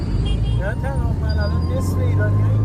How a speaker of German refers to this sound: Die Stadt lebt zu jeder Tageszeit. Motorräder drängen sich zwischen Autos hindurch. Irgendwo hupt immer jemand.